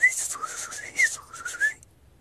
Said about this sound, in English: the little bird high above the timber line. Little birds can't live that high, can they? I was stunned. I felt like I was hearing heavenly music.